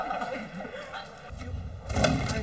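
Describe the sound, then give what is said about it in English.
A small engine on a homemade brush car idles with a rough, buzzing drone, then revs up with the throttle lever and grows louder and fuller toward the end, with some background noise, during a test drive in a courtyard. “He revs up the engine with the throttle lever, and away he goes.”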